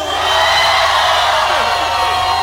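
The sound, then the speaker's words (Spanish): A large audience at a religious gathering in the Teatro de la Ciudad, Mexico, gives a shout of jubilation to Jehovah, a dense, loud wash of overlapping voices and whoops continuing with no pauses. “Un grito de júbilo.”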